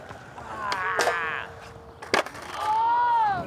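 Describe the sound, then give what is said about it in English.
A skateboard grinds in a front blunt slide, a long scraping rasp with whining tones, broken by sharp wooden clacks and a loud pop before a rising squeal of wheels. “Slide that front blunt, let all everything out.”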